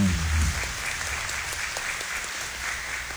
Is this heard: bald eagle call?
no